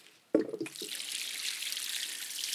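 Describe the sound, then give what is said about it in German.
Rainwater is poured out onto newly planted soil with cuttings to water them in, starting with a sudden splash and settling into a steady, even rushing pour that continues at moderate loudness. No one speaks. “nehmen dafür das Regenwasser und schlemmen die jetzt so richtig ein”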